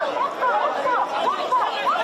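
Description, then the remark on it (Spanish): A dense crowd of many migrants shouting and clamoring at once as they push to get through, steady for the whole stretch, with raised voices rising out of the din. “Son tantos y hay tanta ansia por llegar que se empiezan a empujar.”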